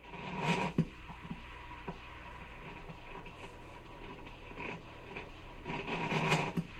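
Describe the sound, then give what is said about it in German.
A shiny chrome-clad coffee machine making milk coffee into a cup crackles and sputters with a rough, rasping churn, swelling into louder bursts at the start and again near the end, with no voices. “bei dem es knatterte, zugleich brodelte und am Ende mein geliebter Heißtrunk in der Tasse landete”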